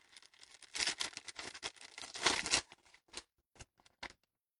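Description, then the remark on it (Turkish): A dusty paper letter from the home village is handled and unfolded, with crisp crinkling and rustling in bursts that build, then a few sharper isolated crackles as it settles. “Bir tozlu kağıdı bağrıma basacağım. O kağıtta memleketi koklayacağım aklıma gelir miydi hiç?”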